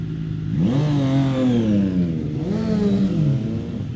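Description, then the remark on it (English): A Triumph motorcycle engine revs hard twice, its pitch climbing steeply then falling back, over a steady loud idle growl with no voices. “Let's have a listen to the Triumph.”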